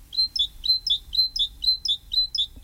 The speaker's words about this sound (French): Autre oiseau extrêmement commun un peu partout, et il n'y a pas besoin d'aller à Ouyès pour ça, c'est la mésange charbonnière, bien sûr.